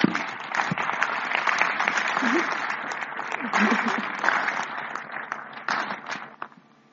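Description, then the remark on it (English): An audience at a burial service claps hands in sustained, dense applause for several seconds in appreciation for the life of the deceased, Matthias: a steady wash of many overlapping claps with a few murmuring voices underneath, tapering off abruptly at the end. “So I'll ask all of us, as a sign of unity, that we who are here, we give a hand clap in appreciation for the life of Matthias.”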